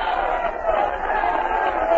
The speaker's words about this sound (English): All set to start, folks. The fans are yelling themselves hoarse.